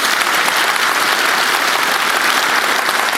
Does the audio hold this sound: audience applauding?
yes